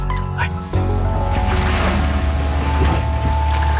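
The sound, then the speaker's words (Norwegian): A sailing ship at sea, with a steady low rumble and rushing ocean waves that swell in after a brief quieter start, loud and continuous, with creaks and wind layered throughout. “Vi starter med litt hav og båt. Lyder her, en skute som seiler på havet.”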